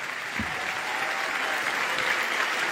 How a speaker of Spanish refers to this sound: Damos un aplauso grande al Señor